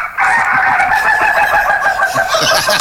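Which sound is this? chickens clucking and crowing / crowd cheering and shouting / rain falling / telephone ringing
chickens clucking and crowing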